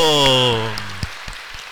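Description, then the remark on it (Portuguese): A group claps hands in a steady, even rhythm, about four claps a second, cheering for Nossa Senhora da Salete after a prayer, while a loud voice holds a long exclaimed note that fades out, leaving the clapping continuing alone. “Com as nossas palmas, viva Nossa Senhora da Salete!”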